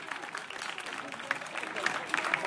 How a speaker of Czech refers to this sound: Takže zatleskejte prosím zvukařům.